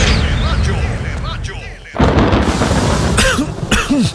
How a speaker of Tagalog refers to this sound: Tagulan na. Uso na naman ang ubo. Mabuti nang handa. May Plemex Forte ako. Ang Plemex Forte ay natural na lagundi. Tumutulong palabasin ang plema para tumigil ang pagbubo.